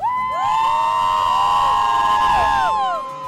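A gathered crowd of people, called on for a shout of joy, lets out a loud, sustained cheer of excited shouts and whoops that swells for about three seconds, then quickly fades.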